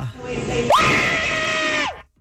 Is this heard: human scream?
yes